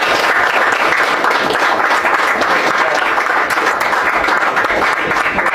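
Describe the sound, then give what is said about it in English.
A crowd bursts into steady, dense applause, many hands clapping at once in a loud, even wash of sound that holds for several seconds without pause, as U.S. Senator Jim Banks is introduced at the Broad Ripple GOP Club. “Round of applause.”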